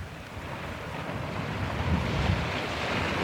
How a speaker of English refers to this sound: the ship rolled from side to side to let the murky green waves slide past with a swish.